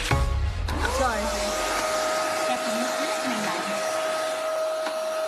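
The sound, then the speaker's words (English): A person on a talk show imitates a vacuum cleaner starting up, the whine rising in pitch before settling into a loud, steady roar and hum that runs on without a break. “The other one's miming vacuum?”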